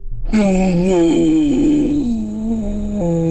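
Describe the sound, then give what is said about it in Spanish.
A woman's voice lets out a sustained, wavering trumpet-like wail, imitating an elephant's call, loud, lasting about three seconds with a brief dip near the end. “Qué bien le hace al elefante.”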